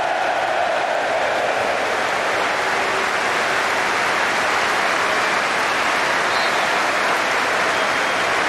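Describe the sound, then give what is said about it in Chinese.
A large stadium crowd of Crystal Palace and Arsenal fans applauds Eze, a former Crystal Palace player, as he comes on as an Arsenal substitute; a dense, continuous wash of clapping that stays loud and even for the whole stretch, with no clear voices standing out. “现场无论是水晶宫的球迷还是阿森纳的球迷，都对埃泽报以热烈的掌声。”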